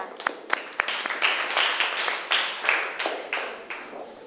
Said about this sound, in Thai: นักเรียนค่ะเก่งมากเลยปรบมือให้กลุ่มที่5หน่อยค่ะ